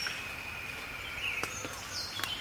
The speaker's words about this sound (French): D'autres oiseaux. C'est le chorus de l'aube.